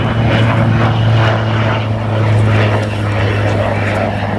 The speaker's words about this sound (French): Ça y est, le drone Reaper MQ-9, comme il faut l'appeler, décolle de la base aérienne.